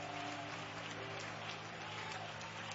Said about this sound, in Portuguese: Amém! Amém! Palmas e glória a Deus, igreja!